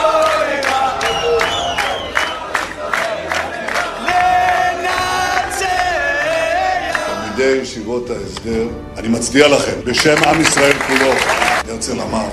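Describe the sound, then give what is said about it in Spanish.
A large crowd cheers and claps, with loud shouts and whoops over sustained applause, its noise swelling and surging throughout. “Y todos se aplauden felices.”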